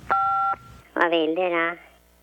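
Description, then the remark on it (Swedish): A single steady telephone keypad beep made of two stacked tones, from pressing 1 in reply to an automated answering message at the Swedish Tax Agency (Skattemyndigheten), lasts about half a second, followed by a brief pause and then a person's voice speaking. “Detta är en automatisk telefonsparare. Just nu är det många som ringer. Vill ni något, tryck 1.”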